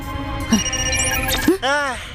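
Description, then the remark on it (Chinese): An electronic alarm rings steadily throughout with a high, continuous tone, while voices talk over it and a brief sweeping tone cuts through near the end. “我只是想安安静静地喝个下午茶，但是警报一直响个不停，你们到底在干什么？”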